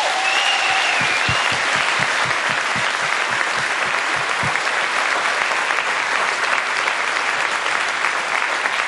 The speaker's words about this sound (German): Sollen wir mal kurz einen Applaus für die Leute geben? Ja.